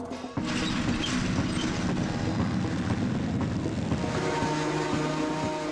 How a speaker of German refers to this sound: Ich fahre sie jetzt da mit dem Trecker nach Hause, weil wir sind spät dran. Und mit dem Trecker nach Hause so gebracht zu werden, ja, auch nicht schlecht.